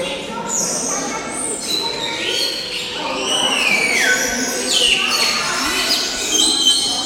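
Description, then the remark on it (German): A dense, loud chorus of birds calling continuously, with overlapping whistles, chirps and rising and falling trills that never let up. “Ich glaube, es wäre noch ein bisschen zu laut. Nicht so entspannend, ja. Ich hätte, glaube ich, leisigere Vögel.”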